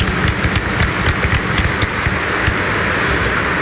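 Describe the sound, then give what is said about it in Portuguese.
Steady, dense applause from a large audience welcoming Redemptorist missionary priests at a Eucharist at the house of Mother Aparecida: many hands clapping at once in a continuous crackling wash, fairly loud and even throughout, with no voices. “Com uma calorosa salva de palmas, sejam todos bem-vindos à casa da Mãe Aparecida.”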